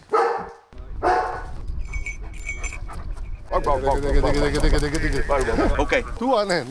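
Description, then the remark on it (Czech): A mountain rescuers' trained search dog barks in a few short, sharp bursts near the start during an international rescue exercise in mountain terrain, sent to search an area for two people posing as lost persons; then a person talks at length, with faint outdoor bird-like whistles in between. “V tuto chvíli figuranti čekají, pes je vyslán do prostoru, který má prohledat, a jeho úkolem je najít ideálně oba dva figuranty.”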